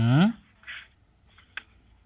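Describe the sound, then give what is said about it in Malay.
A brief voice sound, then a few soft, dry rustles of notebook paper, short papery swishes and a quick crisp flick, fairly quiet. “Beda pada dengar bunyi kertas dari sini.”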